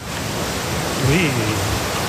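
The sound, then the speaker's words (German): A steady, loud rush of churning water from an artificial surf wave in a lake in North Rhine-Westphalia, Germany, where people are surfing. It is a broad continuous roar like a breaking wave, with a faint voice briefly audible beneath it. “Aber es gibt zum Beispiel, das ist einzigartig in NRW, in einem See, hier kannst du surfen. Ich habe euch die Welle mal mitgebracht, hört mal.”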